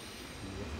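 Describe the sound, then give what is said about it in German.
A train from Denmark rolls into a station shortly after noon, a steady mechanical rumble with a low droning hum and faint wheel hiss that swells slightly toward the end. No one speaks. “In wenigen Minuten fährt hier der Zug aus Dänemark ein.”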